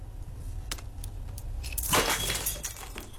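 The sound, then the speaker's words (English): A wristwatch smashes and its glass shatters in a bright, crackling burst, followed by a scatter of tinkling fragments over a low rumble, with a few sharp clicks just before. “Doesn't sound very smash proof.”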